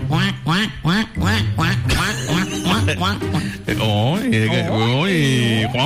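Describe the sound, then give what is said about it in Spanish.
A rapid, continuous string of loud, nasal duck quacks, a dozen or more harsh calls tumbling over one another in an insistent rhythm, filling the whole stretch. “Cuac, cuac, cuac, cuac.”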